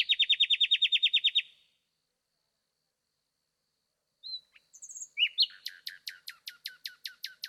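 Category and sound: bird, nightingale singing at night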